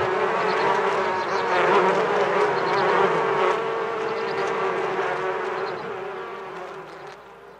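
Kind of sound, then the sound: insect, bees buzzing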